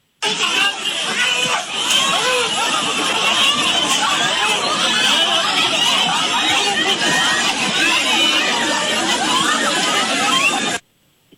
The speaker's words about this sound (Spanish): Estos gritos, Mariana, corresponden al momento exacto en que más de una docena de policías municipales de Huixquilucan detuvieron y golpearon a dos estudiantes del plantel 198 del CONALEP, quienes se manifestaban para exigir la destitución